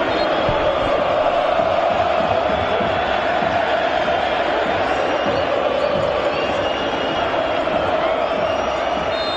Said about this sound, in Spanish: Y la gente, eso que escuchan de fondo, no es Asunción, es la Bahía de San Francisco, que grita por la Albirro.